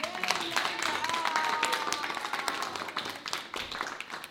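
An audience applauds steadily for about four seconds, a dense wash of many hands clapping at an even loudness that dips slightly toward the end, with a faint whistle-like tone briefly in the middle.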